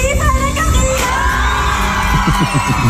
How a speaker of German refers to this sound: Hat irgendjemand vor lauter Geschrei irgendetwas verstanden? Wir wiederholen nochmal für euch ganz ruhig.